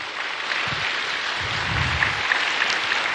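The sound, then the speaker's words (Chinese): A crowd applauds a teacher's speech steadily, a dense continuous wash of many hands clapping at an even level, with a few sharper claps standing out toward the end and no voices. “谢谢，相信在场多次的掌声也能让我们感受到张老师这小小的身躯里藏着大大的能量”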